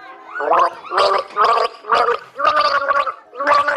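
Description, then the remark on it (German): Someone gargles the children's tune Alle meine Entchen, the bubbling water carrying a series of distinct pitched notes in short rhythmic phrases, fairly loud and with no talking. “bitteschön, nimm einen Schluck, du bist dran.”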